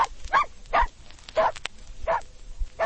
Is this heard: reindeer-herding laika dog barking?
yes